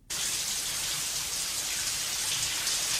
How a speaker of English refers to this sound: It's raining. It's not. It's a shower. Oh, it's a shower scene.